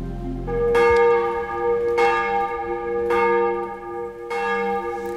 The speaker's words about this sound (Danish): Der ringes til morgenandagt fra Vor Frue Kirke i København.